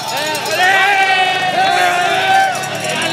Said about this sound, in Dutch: luister eens naar het volk hier op de flanken van die iconische Alpe.